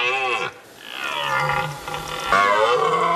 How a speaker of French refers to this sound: Ah, pas mal les enfants, le vrai brame du cerf. Écoutez, ça fait ça.